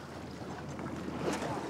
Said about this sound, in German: Ausgerechnet jetzt nähert sich ein Segler, der auch Jordans Hilfe braucht.